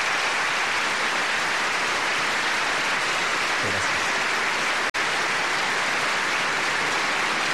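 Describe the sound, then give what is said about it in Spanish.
A large audience in Chile applauds steadily for the institutions that govern the nation, a dense, continuous wash of clapping that fills the whole stretch at an even level, with one brief break near the end. “Y por eso quiero pedirle a todos un gran aplauso para las distintas instituciones que dirigen nuestra nación.”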